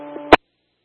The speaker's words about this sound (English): That was all static.